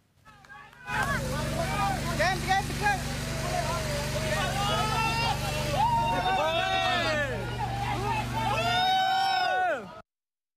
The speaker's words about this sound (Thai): เสียงเฮที่ดังขึ้นหน้าถ้ำนะคะหลังจากที่ผู้ประสบภัยชาวลาว4คนเดินออกมาจากถ้ำเหมืองได้สำเร็จค่ะ